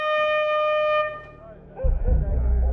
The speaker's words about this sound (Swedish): Och allt tutande.